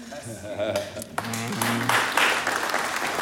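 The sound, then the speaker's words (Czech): Scattered, uneven clapping from a handful of fans, with voices talking over it and the clapping thickening toward the end. “Jak tleská jenom někdo, jak jsou tady jako zase faninky někoho jiného.”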